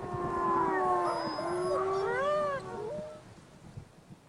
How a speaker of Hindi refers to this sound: भेड़ियों की आवाजें निकट आ रही हैं, शीघ्रता करें राजन।